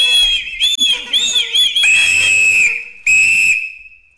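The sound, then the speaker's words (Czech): A roll-out party blower toy is blown into by mouth in several shrill, warbling bursts, then two longer steady high-pitched squeals with a short gap between them, loud and with no one talking. “Je to mluvící, rozvinovací a zavinovací jazyk. Zkusi ho. Na co to je? Strč to do pusy a foukni do toho.”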